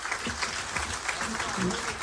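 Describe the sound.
A crowd of people at a school gathering applauds steadily, the dense clapping filling the whole moment at a fairly loud level, with some voices faintly mixed in beneath the applause.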